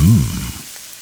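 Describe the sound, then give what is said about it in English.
Spam sizzling in a frying pan: a steady hiss of frying that fades slightly over about a second, opening with a brief low rumbling tone. “Spam. Sizzle, pork, and”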